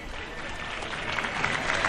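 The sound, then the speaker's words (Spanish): Steady applause of thanks from a crowd at the procession of the patroness of Lepe, a dense crackle of many hands clapping that holds at an even, fairly loud level and swells slightly toward the end. “Aplausos a modo de agradecimiento.”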